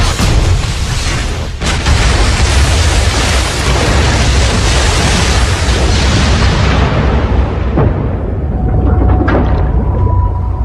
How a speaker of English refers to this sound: Plane slammed head-on into the wave. Instantly, the Liberator went from 110 miles an hour to dead stop. The roaring sound of twisting metal screamed as the bomber began to break apart.